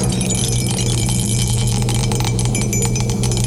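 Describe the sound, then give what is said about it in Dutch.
Dice rattle in a cup, a busy run of sharp little clicks and clatters that keeps going for several seconds over a low steady hum, with no one speaking. “De dobbelsteen gaat in de beker en we gaan eens even schudden en roeren.”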